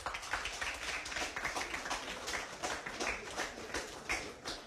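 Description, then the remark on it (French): A crowd applauds the women steadily, many hands clapping in a dense, continuous patter that stays fairly even in loudness throughout, with no voices standing out. “demande tout bon homme pour donner bonne femme un gros applaudissement.”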